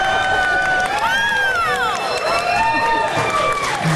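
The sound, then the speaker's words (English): A loud show audience cheers and screams, with high, wavering whoops rising and falling over a dense, steady wash of crowd noise and clapping that holds at full volume throughout. “I believe that is the loudest applause we've ever had at this show.”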